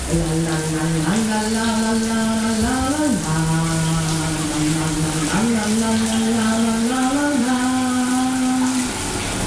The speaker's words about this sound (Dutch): Ja, om het douchegordijn te gaan sluiten, want we willen het niet zien natuurlijk. Daar gaan we. De kraan die gaat aan